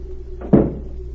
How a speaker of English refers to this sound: The next morning, a new maid tapped on the door of Berg's suite.